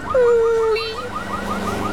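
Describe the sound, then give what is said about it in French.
A car alarm blares, one sustained electronic tone breaking into a fast, repeating warble that keeps cycling, loud and insistent with no voices. “Cette alarme de voiture lui fait mal à la tête.”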